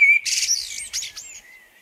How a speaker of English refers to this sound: A summer sound, like soaring lark, clear and true and strong. He whistles and the world becomes blackbird, blue sky, song.